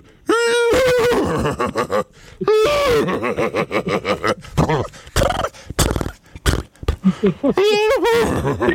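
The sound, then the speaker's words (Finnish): A caller imitates a horse's whinny several times, loud, with shaky, wavering cries broken up by grunting, snorting vocal noises in between. “Joo, siellä on hevonen.”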